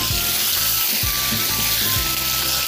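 Loud, steady sizzling of meat stir-frying in sauce over high heat for the dish jiang bao rou (酱爆肉), with a dense hiss throughout and periodic low thumps as the food is tossed in the pan. No voices.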